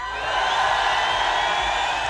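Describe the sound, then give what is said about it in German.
A crowd gathered on the Rathausplatz in Epfenbach, where umbrellas are being counted, cheers loudly and steadily, a dense wash of shouting and whooping voices that holds at full volume throughout without a break. “Und in diesen Jubel kommt unsere Zahl.”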